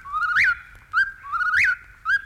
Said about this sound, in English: Now, if you're quiet, I think you can hear the whippoorwill in the distance. Here he comes.